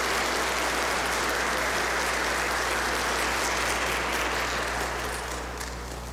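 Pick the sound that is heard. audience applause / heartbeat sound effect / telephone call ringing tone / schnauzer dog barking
audience applause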